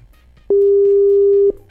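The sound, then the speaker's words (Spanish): One steady electronic ringback tone from an unanswered WhatsApp call, a flat pitched beep lasting about a second, loud and clear over a faint background hum, with no one speaking. “No contesta nada.”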